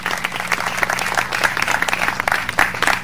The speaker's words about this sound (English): Thank you, and let's raise the Intersex Inclusion Progress Pride flag. All right, let's do one more round of applause.